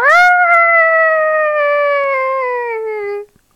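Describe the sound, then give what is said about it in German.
A single long, loud wolf howl, holding a steady pitch with rich harmonics for about three seconds before gently falling and cutting off. No talking. “Das klingt perfekt nach einem Wolf, oder? Ja. Der Wolf.”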